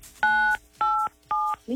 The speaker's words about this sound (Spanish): Eso, apachúrrale 987 a tu teléfono.